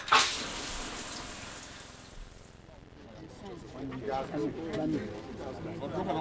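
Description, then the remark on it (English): A shower runs with a loud, steady hiss for a few seconds, then cuts off abruptly as someone starts talking over a quieter background. “I better get out my feet and in the shower.”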